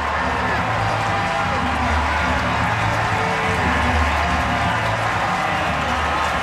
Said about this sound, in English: This crowd is losing its mind.